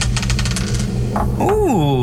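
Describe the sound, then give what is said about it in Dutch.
A die clatters and rattles across a hard surface in a quick burst of small clicks, then settles on five; a voice follows with a rising, drawn-out exclamation. “Ik heb hier de dobbelsteen.”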